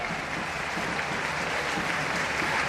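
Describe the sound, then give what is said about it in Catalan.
Steady applause from a large stadium crowd in the stands of Montilivi, Girona's stadium, greeting a double substitution during a Girona against Mallorca match, a dense continuous wash of clapping at moderate volume that holds evenly throughout without pauses. “Aplaudiments a la graderia de Montilivi d'aquest doble canvi.”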